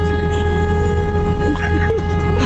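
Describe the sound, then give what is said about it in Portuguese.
A car horn blares in one long, unbroken blast, a loud steady buzzing tone rich in harmonics, with faint voices murmuring underneath; a caller from São Roque honks it during a radio show's honking segment. “O cara buzinou que acordou até a mãe dele, cara.”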